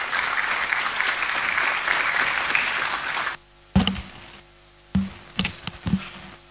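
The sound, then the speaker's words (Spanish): An audience applauds to welcome Raúl Luis Latorre Martínez, president of Paraguay's Chamber of Deputies, in a dense, steady wash of clapping for about three seconds, then it cuts off abruptly, leaving near-quiet with a few scattered thumps and faint sounds. “Lo recibimos con este aplauso.”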